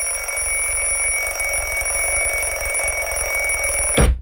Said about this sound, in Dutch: Ik ben er altijd zo klaar mee met die fucking wekker. Dat is toch zo'n kut manier om wakker te worden.